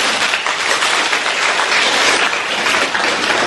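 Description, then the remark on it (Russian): Sustained applause from a lecture audience, a dense, even wash of many hands clapping at steady loudness throughout, with no voices audible. “Аплодируйте, пожалуйста.”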